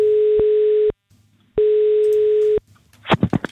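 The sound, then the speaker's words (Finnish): A telephone ringback tone on an outgoing call from radio station Radio 957 to a Sirkus Finlandia contest participant: two steady, mid-pitched buzzing tones, each about a second long with a short pause between, followed by a brief burst of clicks and noise. “Ja ainakin tätä seuraavaa henkilöä, jolle nyt soitan.”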